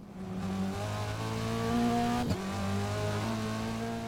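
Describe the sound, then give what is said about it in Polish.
A steady, humming video game car engine with sustained tonal harmonics drones on, briefly dipping and shifting in pitch midway before settling back, panning across the stereo field as a sample of the game's steering audio guide setting. “Odgłosy samochodu przesuwają się w kierunku”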